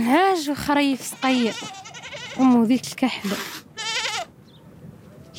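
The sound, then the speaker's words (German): Goats bleat in a rapid, overlapping series of wavering, nasal cries, several calls in a row before trailing off into quieter background noise, from a pen built of scrap metal on a sand hill beside a Sahrawi family's house on a hot mid-March day. “Mahjoube besitzt kein Kamel, aber 3 Ziegen”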